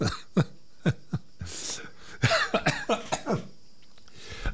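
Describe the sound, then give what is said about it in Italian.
A string of sharp coughs comes in quick bursts, some single and some clustered, with a raspy breathy stretch in the middle and no talking. “mi viene anche da ridere, cioè mi viene a tossire.”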